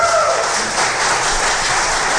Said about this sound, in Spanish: Así que un aplauso fuerte al Señor por la iglesia de Jesucristo.